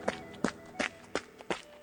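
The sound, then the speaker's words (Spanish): Quick, light footsteps of a child running out of a wardrobe, six brisk evenly spaced thudding steps, with no talking. “Cuando la madre cabra volvió a casa, el hijo salió corriendo del armario”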